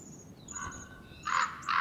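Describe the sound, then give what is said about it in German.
Common ravens in a great canyon call in a short sequence: a drawn-out croaking note followed by two louder, harsh guttural calls, with no talking. “Sie sind die eigentlichen Eroberer der großen Schlucht. Kolkraben.”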